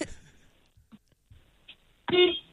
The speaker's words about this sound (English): Are you in a truck now, are you? Yep. Oh, please honk your horn. Oh, my horn's a little meh-meh. That's all right, we just need a horn.